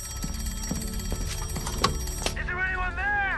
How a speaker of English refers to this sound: one ring for something to the left, two rings for something to the right, but if the bird was dead ahead, as in this case, they had to give three sharp rings of the bell, and that is the sign that something is coming straight towards them.